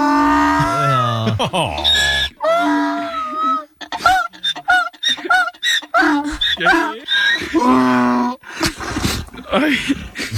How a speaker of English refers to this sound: The donkey was psyched. Listen how happy he is.